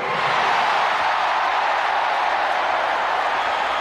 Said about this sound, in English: This is the loudest crowd so far here.